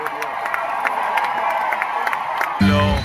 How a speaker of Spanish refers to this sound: Y ahí empiezan los gritos a él.